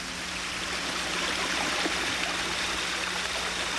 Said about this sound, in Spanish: ¿Qué pasa? ¿Qué es ese ruido? ¡Se está metiendo mucha agua a la casa!